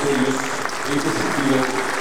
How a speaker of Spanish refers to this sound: El aplauso al teniente para los que ya no están con nosotros. Los que nos están esperando. Los celestes.